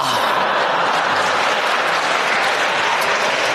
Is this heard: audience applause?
yes